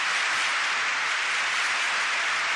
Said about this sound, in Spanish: Ustedes ven que sigue siendo aplaudido el popularísimo polaco.